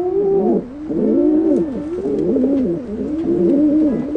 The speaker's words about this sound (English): It's easy to imagine, when hearing soft cooing sounds like these, why baby pigeons would rather stay in the nest.